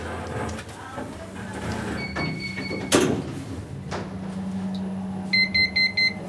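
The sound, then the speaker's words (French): Elevator doors slide shut with a steady tone and a solid thump, followed by a low motor hum and a quick run of high electronic beeps. “Fermeture des portes.”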